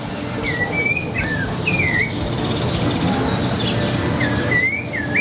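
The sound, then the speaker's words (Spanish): A small bird sings a series of short, sweeping chirps and whistles, clear, over a steady rumble of background noise like traffic or wind. “Nah, pero un pajarito.”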